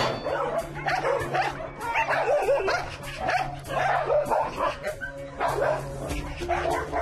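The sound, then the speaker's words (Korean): Several dogs bark and yip aggressively in bursts, loud, with snarling and a few whimpers mixed in, as a big dog named Angpangi guards the food bowls in a kennel yard and threatens other dogs that come to eat. “한시도 사료통에서 눈을 떼지 않는데 다른 강아지들이 사료를 먹으려고 다가오면 위협적인 모습으로 공격성을 드러내는 앙팡이.”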